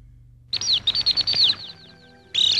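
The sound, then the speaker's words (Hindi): A small bird chirps rapidly and shrilly in a quick burst of high, twittering notes, falls briefly quiet, then starts up again. It sounds clear, with no one speaking. “चुचू चिड़िया बड़ी उदास, कैसे बुझाए अपनी प्यास।”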